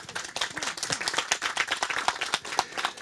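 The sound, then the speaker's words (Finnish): An audience applauds steadily, a dense patter of many hands clapping at once, sustained at a fairly even moderate loudness for a few seconds with no voices. “Aplodit sille.”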